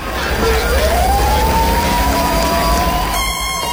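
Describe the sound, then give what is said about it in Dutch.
An emergency siren wails upward and holds a high, sustained tone over a dense, loud low rumble like a helicopter's rotor, with constant traffic-like noise throughout and no talking. “Je hoort sirenes, je hoort volgens mij een helikopter.”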